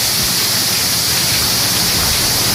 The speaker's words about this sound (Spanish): Bueno, así sonaba la lluvia.